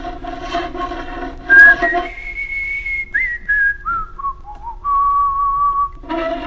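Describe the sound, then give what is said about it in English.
A person whistles a short, simple tune, the notes stepping downward and then holding steady, clear, with a bit of background noise at the start and end. “My daddy, when he was building or working in, out in the field, he'd whistle, but he didn't know but one tin.”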